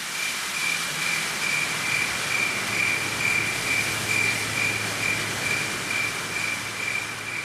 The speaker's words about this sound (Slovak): Pridáva sa k nim aj jemný šum lístia, ktoré sa pohupuje v nočnom vánku.